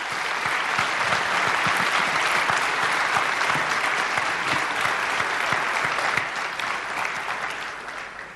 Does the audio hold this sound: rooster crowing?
no